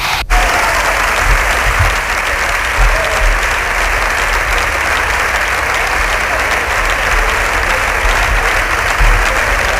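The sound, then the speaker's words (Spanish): Sustained applause from the Partido Popular benches in the Spanish Congress after Feijóo's first speech, a dense steady clatter of many hands clapping at constant loudness for about ten seconds, with no voices standing out. “Aplauso de la bancada del Partido Popular a la primera intervención de Feijóo”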